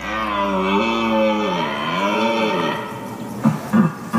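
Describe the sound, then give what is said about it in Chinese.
A male red deer calls at its breeding ground in autumn, during the mating season, with a long, loud, wavering bellow that rises and falls in pitch for about three seconds, then gives three short, gruff grunts. “这只雄性欧洲马鹿刚刚打败了一个年老的对手，取得了主导地位。”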